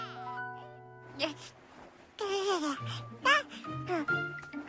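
A baby cries and babbles in short, wavering bursts with rising and falling pitch, moderately loud, heard coming from the first floor, against a steady tonal hum in the background.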